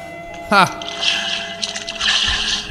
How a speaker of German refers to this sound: Ich schütte euch hier das Wasser hier davor.